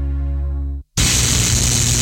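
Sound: electrical interference static hiss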